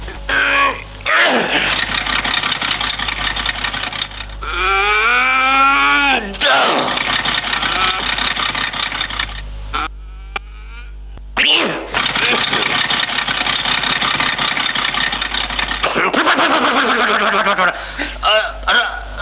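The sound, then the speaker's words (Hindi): A foreign-made taxi's engine cranks and groans repeatedly without catching, starting trouble caused by a newly fitted battery, a loud grinding whir in several long bursts separated by short pauses, with a low hum underneath. “भाई साहब, जरा आपको गाड़ी ढकेलना होगा, वो क्योंकि नया बैटरी डलवाया है ना, इसलिए स्टार्टिंग ट्रबल हो रहा है मैम साहब।”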